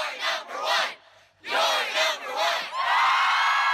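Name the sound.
crowd cheering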